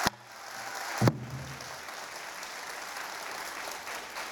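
An audience claps steadily in a dense wash of applause, welcoming a master traditional singer to the stage, with a sharp knock at the start and another thump about a second in, then sustained even clapping to the end.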